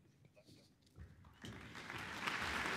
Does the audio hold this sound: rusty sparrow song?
no